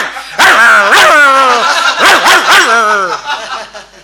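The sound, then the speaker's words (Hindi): A voice imitates a house dog that broke its chain and came up to a stage during a singer's performance, barking: a run of loud yelping barks with rising and falling pitch, a pair, a pause, then a quick burst of three trailing into a whine. “ये कोई गीत था, वो गा रही थी मैडम, अचानक घर का कुत्ता चैन तोड़ के स्टेज के करीब आ गया और शुरू हो गया।”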